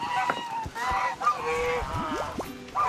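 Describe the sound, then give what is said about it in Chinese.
A flock of geese, kept by a team that offers photo shoots with them, honks loudly and continuously: overlapping nasal calls with some rising, upward-sliding honks, filling the whole stretch without pause. “是团队的经纪人，负责为大鹅们招揽生意，维持拍摄秩序。”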